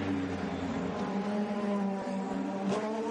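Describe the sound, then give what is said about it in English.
A steady, loud engine drone with sustained harmonic tones from LMDH and LMH hypercars released onto the track at the start of the Hyperpole 2 qualifying session, continuous throughout with slight pitch shifts and no talking. “They are released.”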